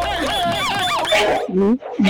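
A dog whimpers in high, wavering whines, then gives two short, loud barks, with a brief pause between them.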